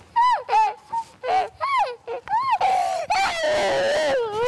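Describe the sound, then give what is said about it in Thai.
A child screams loudly in frustration at being unable to do something by themselves: a run of short, high-pitched shrieking bursts, then one long, strained, sustained scream that carries to the end. “แต่ว่าคือข้อเสียของเขาก็จะมีว่าพอเขาทำอะไรด้วยตัวเองอ่ะแล้วพอเขาทำอะไรไม่ได้ดั่งใจอ่ะก็มีหลายอย่างก็คือกรี๊ดบางทีก็กรี๊ดขึ้นมาโดยแบบคือถ้าทำอะไรไม่ได้ก็จะกรี๊ดออกมา”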